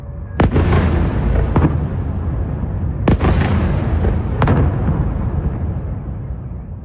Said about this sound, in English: The last few months have seen Russia catch up with Ukraine in drone technology, and every day its new Garand 5 jet-powered attack drones smash into Ukraine's cities, and chiefly, of course, Kyiv, as in the case of this nighttime attack.